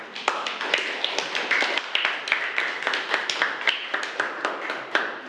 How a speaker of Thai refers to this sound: ขอเสียงปรบมือให้กับกลุ่มที่4ด้วยค่ะ